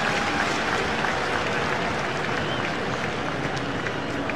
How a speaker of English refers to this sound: Big crowd on hand, making some noise behind Soriano.